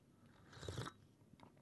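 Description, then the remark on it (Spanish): A short, airy slurp of hot coffee, one quick hissing sip lasting under half a second, fairly quiet, with no one talking. “Ah, sorbito, toque.”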